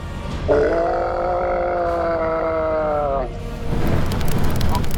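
A monstrous beast rises up and lets out one long, loud roar lasting about three seconds, harsh yet tonal, its pitch sagging slightly toward the end before giving way to a rough, noisy rumble.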